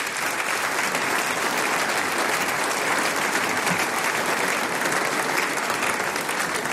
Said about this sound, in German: Herzlich willkommen, Landtagsabgeordneter Stefan Resch. Das ist dein Applaus. Komm auf zu mir.